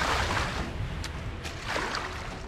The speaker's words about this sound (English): Nevertheless, the men rowed hard toward dry land